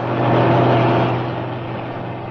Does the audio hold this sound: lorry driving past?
yes